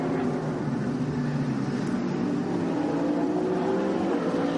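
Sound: racing car engine revving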